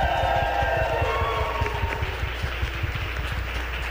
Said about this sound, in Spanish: Les voy a pedir otro fuerte aplauso al equipo de producción nuevamente. Otro inmenso aplauso que hacen posible que haya llegado hasta ustedes, de Radio IPN, de redes sociales, el equipo, por favor, aplausos grandes.